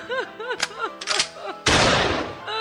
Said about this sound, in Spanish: La mujer del campesino lo vio, tomó su rifle y disparó.